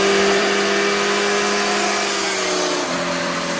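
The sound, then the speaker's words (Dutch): Loud motorcycle engine noise droning at a steady, high pitch, then dropping abruptly near the end as if shifting gear or speeding past, on a 60 kilometre road through a nature area that motorcyclists use as a racetrack. No voices. “Een 60 kilometer weg door een natuurgebied wordt daar door motorrijders gebruikt als een racebaan.”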